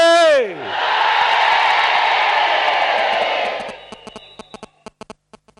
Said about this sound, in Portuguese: Depois vão gritar homens só. As mulheres vão ficar caladas.